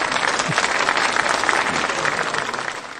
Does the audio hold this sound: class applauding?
yes